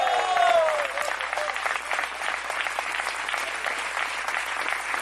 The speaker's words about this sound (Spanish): ¿Cuántos dicen gloria a Dios? Queremos oír un fuerte aplauso y un gloria a Dios de los valientes.